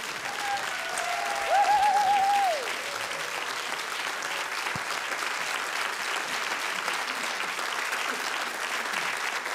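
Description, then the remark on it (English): A concert audience applauds a band steadily throughout, a dense wash of clapping that holds at a constant loudness, with a brief whistle-like tone rising above it near the start. “So I'm very grateful for this wonderful band, …, which, please, one more clap.”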